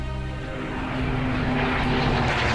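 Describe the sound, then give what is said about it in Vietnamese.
A French propeller military aircraft, bombing the supply route to Điện Biên Phủ, drones steadily overhead, its engine a loud, continuous throbbing hum with harmonic tones that swells slightly as it passes. No voices are heard. “Máy bay Pháp liên tục dội bom, nhưng chưa bao giờ con đường vận tải bị cắt đứt.”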